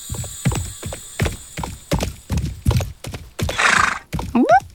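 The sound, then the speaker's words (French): A horse's hooves clop in a steady, quick rhythm, fairly loud, followed by a short snort and a rising, wavering whinny at the end. No one speaks. “Il voit un nuage en forme de cheval.”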